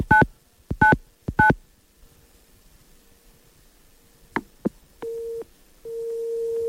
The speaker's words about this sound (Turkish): Sabit Bey'in telefonunu çevireceğim şimdi.